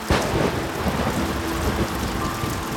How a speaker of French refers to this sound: Un orage terrible éclate. Un coup de tonnerre fait trembler la cabane.